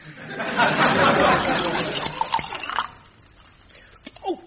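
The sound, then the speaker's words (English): Elderflower pressé, a fizzy drink, is poured into a glass in a steady splashing stream for about two seconds, followed by a few light clinks and faint background voices. “What kind of wine is that? It tastes like bath water. That's elderflower presse.”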